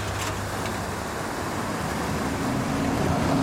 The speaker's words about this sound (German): An Bord der Palmalie, so heißt Krishans Boot.